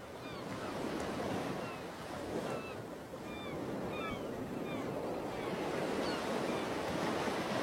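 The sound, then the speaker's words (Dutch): Ocean waves wash steadily onto a beach in a continuous broad roar, with wind noise and a few faint, high bird calls scattered through the surf. No one speaks. “En op het moment van schrijven zit ik op de beach.”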